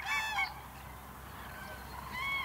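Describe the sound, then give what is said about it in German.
Common cranes give loud, trumpeting bugle calls, one burst at the start and another near the end, with rich harmonic tones over a quiet outdoor background; no one speaks. “So funktioniert Beziehungsarbeit bei Kranichen und die Vögel bereiten sich aufs Brüten vor.”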